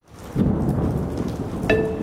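Steady, loud rain hisses throughout while a deep, rolling thunder rumble swells early and lingers underneath; a brief bright tonal ring cuts in near the end. No voices.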